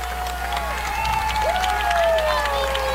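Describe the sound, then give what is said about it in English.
A large football crowd in Brandon roars and cheers steadily, rising back to its feet after an interception: a broad wash of voices with scattered whistles and shouts over a low constant hum, on a breezy, chilly evening as the sun goes down. “Lynx crowd roaring back up to their feet.”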